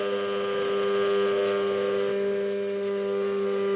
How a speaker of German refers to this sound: So, jetzt fange ich mal an. Oder gießt du das jetzt? Ich fange erstmal hiermit jetzt an, genau. Einfach nur gerade halten mit Pürierstab. Genau.